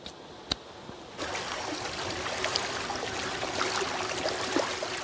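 Steady rushing of the flowing Namdaecheon river, about 200 m wide, fills the scene after a brief quieter start with a single sharp click, continuing at an even, moderately loud level with small splashing bursts.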